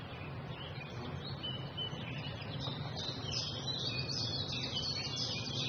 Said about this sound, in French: Là, par exemple, on entend un pouillot véloce. On appelle ça le compte écu, qui va tchip, tchap, tchip, tchap, tchip, tchap, tchip, tchap. En anglais, il s'appelle tchip, tchap.